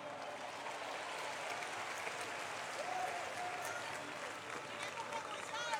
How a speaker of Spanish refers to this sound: El aplauso es para los jóvenes de Colombia. Pero al resto también le vamos a dar aplauso.